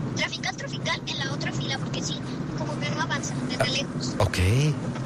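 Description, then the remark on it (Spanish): Steady, heavy road traffic rumble at the Reconstrucción junction fills the background, a dense wash of engine noise with a rising tone near the end, with lanes barely moving, while a person talks over it. “Aquí reportando en el nodo reconstrucción. Tráfico pesado.”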